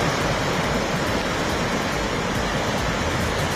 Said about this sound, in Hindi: कोलकाता शहर के कई हिस्सों में झमाझम बारिश, तापमान में दर्ज की गई गिरावट।